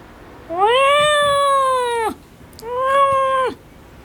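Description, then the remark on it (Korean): A big, heavily built cat named Doryeonnim meows twice, each call long and drawn out with a rising, then steady, then falling tone, not quite cat-like, loud with a short pause between. “도련님은 기골장대한 덩치와는 다르게 옷깃을 구르는 듯한 소리로 울었다.”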